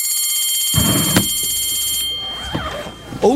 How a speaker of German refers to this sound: es klingelt. Wir haben schon wieder überzogen. Ey, die Klingel gibt mir so Gänsehaut.